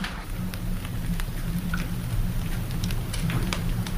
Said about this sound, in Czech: Když je všech 15 venku, odmění nás chléb tichým křupáním. Tak, poslouchejte. To bude zpívat.